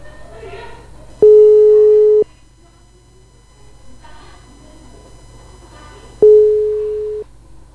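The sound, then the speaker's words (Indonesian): Two loud, steady busy-signal tones, each about a second long with a pause between, sound over a faint background of muffled voices and line noise as a phone call with a field reporter at Gelora Kadri Uning in Samarinda drops. “Baik, Kerandeng Sena untuk telepon bersama reporter Etam sempat terputus.”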